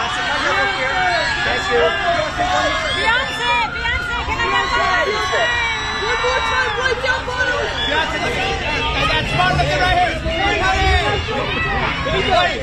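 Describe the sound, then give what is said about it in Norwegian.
A dense crowd of journalists on the red carpet at the Met Gala shouting and calling out questions over one another, a loud continuous hubbub of overlapping voices with sharp raised cries cutting through the whole time. “tusenvis som kryr rundt som maur og skriker og skal stille spørsmål.”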